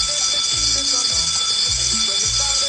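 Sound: doorbell ringing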